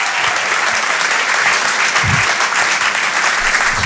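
Steady, dense applause from a crowd at the Rire et Chanson Comedy Club for a comedian, a continuous wash of many hands clapping at a fairly loud level throughout, with no voices standing out.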